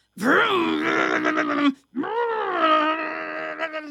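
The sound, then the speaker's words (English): A voice imitates a vacuum cleaner running, producing two long, droning, buzzy vocal hums, fairly loud, separated by a brief pause. “I hear the vacuum.”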